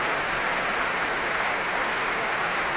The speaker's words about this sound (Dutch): Heerlijk groot applaus hier in de grote zaal van het Concertgebouw in Amsterdam.